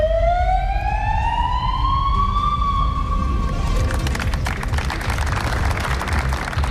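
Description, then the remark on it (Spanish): A police patrol car siren sounds in front of Barcelona City Hall, breaking a silence held by municipal workers. It gives one long, loud wail rising slowly in pitch over a few seconds, then a steady wash of outdoor noise with no one speaking. “Frente al Ayuntamiento de la Ciudad Condal, trabajadores municipales junto a personalidades como el alcalde de Barcelona, Jaume Collboni, o la consellera Alicia Romero, han guardado silencio hasta que ha sonado la sirena de un coche patrulla.”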